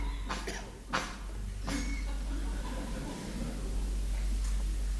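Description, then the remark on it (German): Several short, harsh coughs come in quick succession during the first two seconds, loud, followed by a steady low background rumble with no further coughing. “auch der Husten muss sein”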